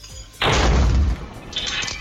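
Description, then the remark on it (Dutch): A sudden, very loud explosive boom erupts and rumbles heavily for under a second as fuel in a jerrycan is set alight at the front door of an upstairs duplex home, then settles into a sustained roaring, crackling rush as the front door and flat roofs catch fire. “Een keiharde knal.”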